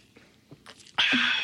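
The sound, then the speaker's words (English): A few faint clinks and mouth clicks, then a sudden loud slurping sip of a kosher dill lime pickle-flavored soda made for Pickle Fest, the sip hissing steadily to the end. “Have a sip.”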